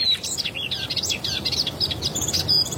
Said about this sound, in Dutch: Tuinfluiter waarschijnlijk net terug uit het zuiden, dus druk bezig om zijn plekje te claimen.